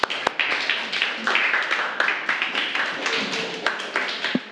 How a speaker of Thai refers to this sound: ปรบมือให้กับกลุ่มนี้ของเราค่ะ